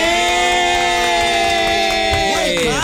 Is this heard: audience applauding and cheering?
yes